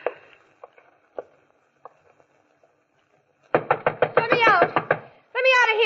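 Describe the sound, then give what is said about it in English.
A fist pounds hard on a door in a rapid burst of about ten loud thumps, following a few faint taps, as someone bangs to be let out, and then a voice starts shouting. “Go bang on the door and yell, let me out, let me out.”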